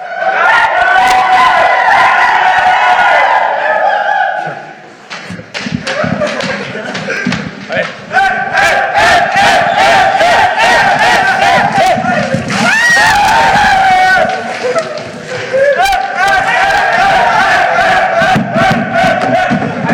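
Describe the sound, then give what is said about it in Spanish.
A group of people shout and cheer loudly together at a press conference, voices overlapping in sustained, raucous bursts, with a few brief thuds and a short lull before the yelling surges again. “para la gente de radio, todos los gritos fue que cuando Alex Diego estaba en conferencia de prensa”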